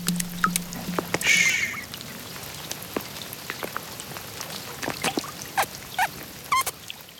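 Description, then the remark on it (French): Steady rain patters, scattered drops tapping sharply and irregularly on a hard surface throughout, with a brief soft bird-like chirp early on and no voices. “Même la pluie, parfois, vient jouer avec nous.”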